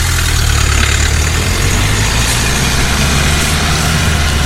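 A car engine idles steadily by a roadside, a constant low rumble with a broad hiss over it, holding an even level throughout with no speech.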